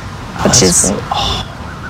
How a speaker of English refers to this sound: these foxes can sometimes cry out during specific situations like danger, but can also make noises of affection during more menial social contact, even something as simple as family interactions.